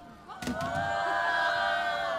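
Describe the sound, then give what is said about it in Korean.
An audience erupts into loud, sustained shouting and cheering after a brief quiet moment, many voices blending into a steady roar that holds to the end, casting a voice vote for the "Song Nambo" side. “자, 나는 송남보파다. 소리 질러.”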